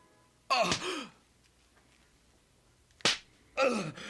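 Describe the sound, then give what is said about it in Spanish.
Three sharp lashes of a six-tailed leather whip strike a person, the first and last followed by pained gasping groans, with a quick crack between them and quiet pauses in between. “Se usaba un látigo de cuero de 6 colas.”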